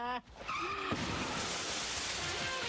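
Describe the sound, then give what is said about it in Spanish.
Car tires screech in a sharp, high-pitched skid as pastry chef Betular crashes his car in front of his patisserie in Villa Devoto, followed by a brief thud and a loud, sustained noisy roar that continues to the end. “Atención automovilistas, hay caos de tránsito en Villa Devoto porque el reconocido pastelero Betular chocó con su auto frente a su patisería.”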